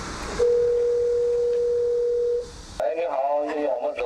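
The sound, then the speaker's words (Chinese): A steady, unbroken dialing tone from the one-touch emergency call button on a solar-powered emergency broadcast terminal in Yuzishan village, Pinggu District, which connects directly to the district-level platform, hums for about two seconds at moderate volume, then cuts off and a voice begins speaking. “一般老人和小孩他们在没有带手机的情况下，可以通过这个一键呼叫的按钮，可以直接联系到区级平台。”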